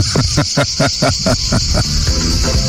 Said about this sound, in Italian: Sei tra i grilli? Questa è la melodia, ecco, della natura. Vedi?